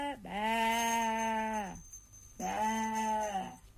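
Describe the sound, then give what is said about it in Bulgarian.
A sheep bleats twice, close and loud: a long, wavering baa lasting over a second, a short pause, then a second slightly shorter bleat. No voices. “Сякаш царицата изведнъж се увива вълна и заприлича на овца.”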